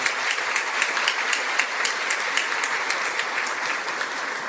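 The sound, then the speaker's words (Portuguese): Steady applause from a church audience at an evening celebration, welcoming a visiting priest back from his studies in Rome; dense overlapping claps holding at an even loudness for several seconds, with no voices over it. “Uma salva de palmas, né, para...”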